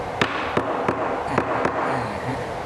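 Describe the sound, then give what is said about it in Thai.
Five sharp hammer blows knock wooden boards into place one at a time, struck on the top side, at a fairly steady, unhurried pace, each a crisp percussive crack over a constant low background hiss. “ตอกเข้าไปเรื่อย ๆตอกอย่างนี้เข้าไปเดี๋ยวมันก็เข้าเอง”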